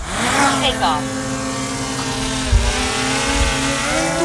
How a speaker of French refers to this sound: Le petit drone est posé au sol, il s'envole vers le ciel.